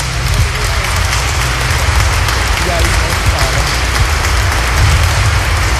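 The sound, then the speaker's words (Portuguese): A crowd breaks into loud, sustained applause, a dense wash of many hands clapping that holds steady for several seconds, with faint voices mixed in beneath. “E a todos uma salva de palmas.”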